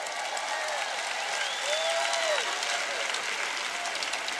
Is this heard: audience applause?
yes